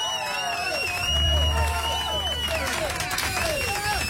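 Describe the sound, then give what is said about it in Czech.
A burst of applause with hands clapping steadily for a few seconds, mixed with lively crowd noise and overlapping voices calling out over it. “Pánové, já vám zatleskám.”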